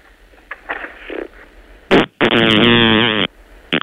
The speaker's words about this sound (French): Voilà. Voilà, vous avez entendu. La grenouille a pété.